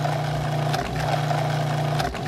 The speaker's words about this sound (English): Let me fire up the blender.